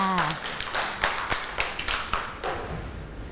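Children clap their hands in a loose, uneven burst of sharp claps that keeps going for a few seconds, with a brief voice at the start and a noisy background.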